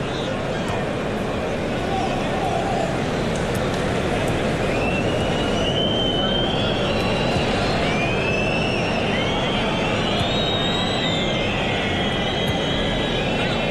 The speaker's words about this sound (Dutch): Het gefluit op de tribunes is voor het balbezit van Sociedad.